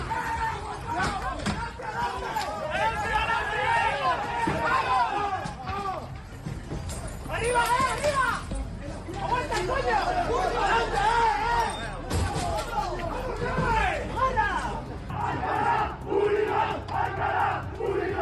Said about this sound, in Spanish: La pelea se produjo 2 horas antes del partido entre el equipo filial de Las Palmas y el Alcalá en Segunda Federación.